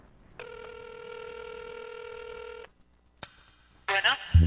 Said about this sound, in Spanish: Déjela, ponemos de nuevo de esa rolita para que se escuche el teléfono y toda la cosa.